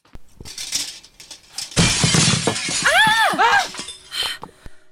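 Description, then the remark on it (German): A stone thrown through a window sets off a sudden loud crash of breaking glass mid-clip, followed by bright ringing shards tinkling and clattering down for over a second, with faint movement sounds before and after. “Ich konnte nichts erkennen, aber jemand hat einen Stein durchs Fenster geworfen.”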